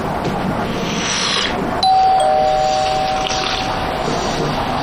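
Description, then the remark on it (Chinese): A doorbell chimes once in a two-note ding-dong, the clear tones ringing out and fading slowly over a steady, rushing background noise. “我去开门。”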